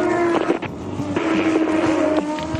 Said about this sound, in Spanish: el turismo carretera. Ahí van los autos. Ya están en la curva 8